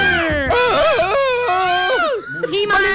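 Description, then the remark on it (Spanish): A wild, high-pitched yell from someone in the background of a radio broadcast, loud, its pitch swooping and wavering for about two seconds before breaking off into a shorter second cry. “Denme un grito salvaje a alguien de fondo.”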